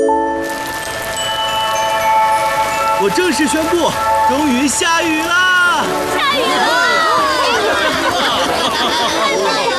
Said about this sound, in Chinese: 我正式宣布，终于下雨了！ 下雨了！